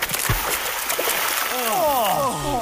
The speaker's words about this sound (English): Quick, wash in the pristine waters of the falls.